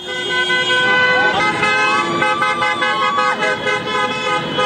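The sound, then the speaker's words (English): Car horns honk repeatedly and overlap in a dense, continuous blare over the roar of a busy street, with crowd voices mixed into the festive din, as cars drive up and down the Champs-Élysées in Paris while French fans celebrate France's quarterfinal win over Morocco. “Yeah, on the Champs-Élysées, cars going up and down.”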